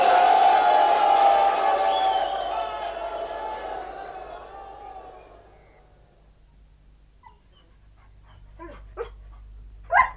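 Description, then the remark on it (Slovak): A dense wash of crowd-like noise fades out over several seconds, then after a quiet stretch a dog lets out a few short, sharp barks, the last one loudest. “Čo sa moceš okolo psov?”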